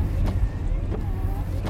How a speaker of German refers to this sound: Sie haben angehalten. Der Wagen steht am Waldrand. Der Wagen hatte angehalten und den Spuren zufolge waren seine Insassen in den Wald gegangen.